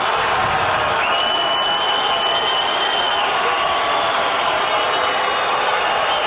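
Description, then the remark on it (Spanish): A stadium crowd shouts after Ancelotti reads out the name Neymar Junior Santos and stays silent to let them, a steady, dense roar that holds at the same loudness throughout, with a thin high whistle-like tone running through the middle. “Y se queda callado Ancelotti dejando que la gente grite.”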